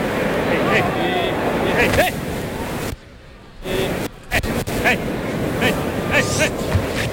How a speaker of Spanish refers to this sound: Ahí oímos la respiración del toro.